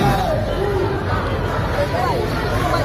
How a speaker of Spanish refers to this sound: Y este sonido de hace unos minutos en la Puerta del Sol, donde seguimos atentos a los enfrentamientos que durante todo el día se están produciendo entre grupos ultras, así que de momento ya dejan 2 detenidos y un policía herido.